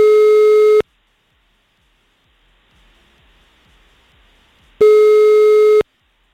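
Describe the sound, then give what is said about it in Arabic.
An outgoing phone call's ringback tone, placed live on air to a contest participant chosen by computer: two loud, steady electronic rings, one at the start and one near the end, with a long quiet gap between them and no talking. “رح رن أربع رنات، والرابعة الأخيرة رح أعطي فرصة لحدا تاني.”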